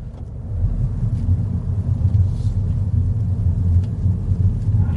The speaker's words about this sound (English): So, this car, as I mentioned, a little three-cylinder BMW engine powers this internal combustion engine Mini.